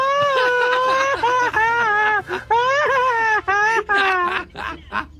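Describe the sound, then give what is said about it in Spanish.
A loud, high-pitched machine-gun yell (grito ametralladora) by a radio listener from San Luis Río Colorado, Sonora: a single voice fires off rapid, fluttering, stuttering cries in several long bursts, separated by brief gasps for breath. “Y yo digo el grito matrallador.”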